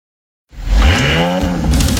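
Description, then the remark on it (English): An Audi car engine suddenly roars to life after a moment of silence, revving loudly with a deep, rising growl and a steady, powerful rumble that holds to the end. “The Audi roar.”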